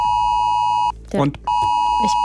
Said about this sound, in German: Wenn um 11 Uhr mein Handy heult, ich erschrecke mich, weil ich im Radio drüber geredet habe, aber nicht mehr dran denke. Deswegen, wir spielen es jetzt einmal ein, damit Sie desensibilisiert sind, so.